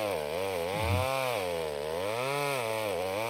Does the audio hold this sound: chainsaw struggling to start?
yes